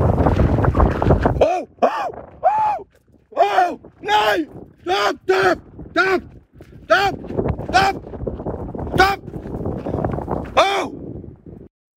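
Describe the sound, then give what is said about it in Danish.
A runner shouts loudly and forcefully in a rapid series of about a dozen short, harsh yells while waving his arms to drive off a wolf that stopped a few meters away baring its teeth, south of Skagen, Denmark, with wind and outdoor noise rumbling underneath. “Vi har været i kontakt med løberen, der fortæller, at han råbte højt og viftede med armene for at få ulven til at gå væk, inden ulven stoppede få meter fra ham og viste tænder.”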